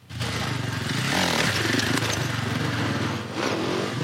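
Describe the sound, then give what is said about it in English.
A World Supercross Championship dirt bike engine revs loudly and steadily in a Children's Hospital parking lot in Calgary, its buzzing motor pitch rising and falling slightly over a few seconds with no voices, as a rider shows off skills for kids. “Riders from the World Supercross Championship are in town and put on a show for the kids getting treatment at the Children's Hospital.”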